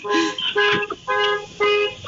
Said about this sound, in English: I do hear a beeping sound. Yes, someone's car alarm is going off somewhere. It's not me.